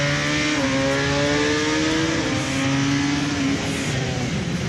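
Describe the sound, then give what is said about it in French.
A motorcycle engine accelerates hard out of a corner after the apex, its loud, steady drone rising in pitch with a couple of gear-like steps, with no voices over it. “Point de corde, hop, accélération.”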